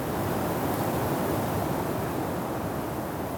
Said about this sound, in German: Es wurde ganz still. Man hörte nur den Wind.